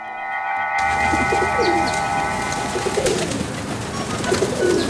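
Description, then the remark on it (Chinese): A large flock of pigeons flies overhead in Beijing: steady layered whistling tones hum over a dense, rustling wash of wings. The sound is fairly loud and continuous, with no voices. “哼，听到了听到了，不用看，光听声音呢，就知道这是一大群鸽子。”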